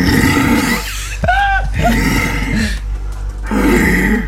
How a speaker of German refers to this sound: gar kein Bär, sondern ein Hirsch in der Rumpfzeit. Das haben die Polizisten übrigens direkt durchs Telefon gehört.